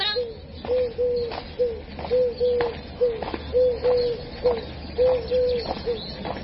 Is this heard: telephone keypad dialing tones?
no